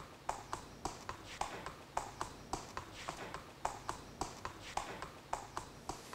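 Hooves of a racehorse walking, a steady clip-clop rhythm of about three footfalls per second, moderately loud, with no talking.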